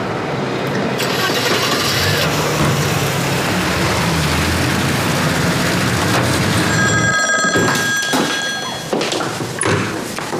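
A telephone call to a command dispatch room goes unanswered, ringing with a bright, trilling electronic tone for a couple of seconds, rising out of a loud, rumbling background of noise and occasional thuds.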